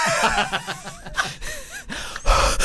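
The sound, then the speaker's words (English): Loud, close breathing right against the microphone: a run of heavy, rough inhales and exhales with gasps and a few faint voiced murmurs mixed in. “You can really hear our breath.”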